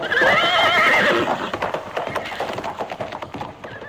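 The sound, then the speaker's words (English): A horse lets out a loud, quavering whinny, then hooves clip-clop in a steady, brisk rhythm, as if trotting away on a hard surface. “Get on my horse.”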